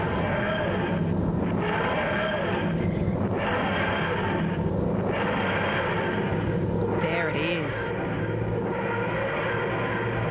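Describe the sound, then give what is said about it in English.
A key scraped along a piano string, the way the TARDIS sound effect in Doctor Who was made, gives a loud, continuous metallic roar with wavering, groaning overtones for about ten seconds, and a voice speaks briefly near the end. “A key scraping a piano string to make that sound.”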